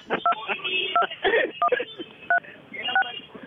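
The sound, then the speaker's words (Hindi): A series of short electronic keypad beeps, about six paired-tone presses at uneven intervals, as keys are pressed on a mobile phone, heard under a continuous background of voices talking. “कृपया दबाए 5,07,339”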